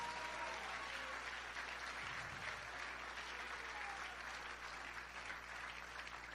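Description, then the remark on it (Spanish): Sustained applause from a large church audience clapping for the Lord fills the space, a dense, steady wash of clapping that holds at an even level for several seconds without any talking. “Creyente de hueso colorado, dé un aplauso al Señor en esta hora.”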